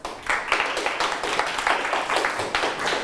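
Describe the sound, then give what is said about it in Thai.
A classroom of students clapping together for a classmate who answered a question, dense, steady applause sustained for a few seconds at moderate loudness with no talking. “ปรบมือให้เพื่อนครับ”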